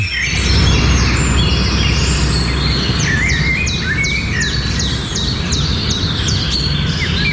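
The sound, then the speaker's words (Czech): Birdsong: a bird repeats quick, high chirping phrases in a steady rhythm over a constant low rumble of outdoor background noise, fairly clear. “No, takže na takové pomyslném medaili je, i když, jak pro koho, zpěv ptáků.”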